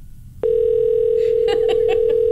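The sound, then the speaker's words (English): A steady, unbroken telephone dial tone switches on abruptly, and about a second later three quick keypad beeps are dialed over it in a brisk sequence as someone calls a car business back. No voices are heard. “I'm going to call him back.”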